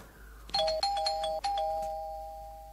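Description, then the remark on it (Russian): An electronic apartment doorbell, pressed by a plumber at the flat's door, chimes in a quick series of bright, pitched tones with sharp repeated onsets, then one sustained ring that slowly fades out; no voices are heard. “Найдя нужную дверь, нажимает на звонок.”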